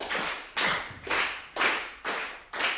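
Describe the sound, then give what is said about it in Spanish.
Six sharp hand claps at a steady, even pace, about two per second, each crisp and fairly loud with no talking, clapping out a 3/4 rhythm, like counting out two bars of a three-beat pattern. “Porque un 3x4 tiene qué ritmo. A ver con las palmas cómo sale.”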